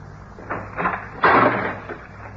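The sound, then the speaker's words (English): A locked house door is unlocked and pushed open: a couple of short metallic rattles from the lock, then a louder, longer creak-and-scrape as the door swings, over a faint low hum. “To learn the secret behind the locked door. Ah, success.”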